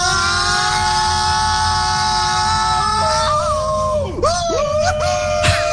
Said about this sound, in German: schickt uns eine Sprachnachricht von eurem besten und lautesten Achterbahnschrei